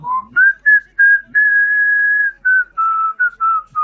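A person whistles a melody, a series of clear sustained tones that step between pitches with short breaks between phrases, including one long held note in the middle.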